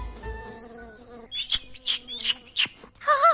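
A steady, pulsing insect-like trill opens, then a bird chirps in several sharp, high calls, ending in a brief warbling phrase. No voices.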